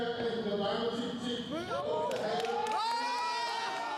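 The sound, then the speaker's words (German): A large crowd at the FPÖ party congress in Innsbruck, Austria, cheering Jörg Haider's election as federal party chairman, shouts continuously, a dense roar of many voices with rising whoops and calls layered on top, staying loud throughout the four seconds. “Jubeln die Menschen damals.”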